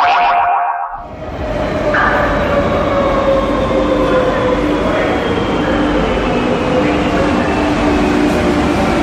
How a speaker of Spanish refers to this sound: Trayecto de metro en Madrid.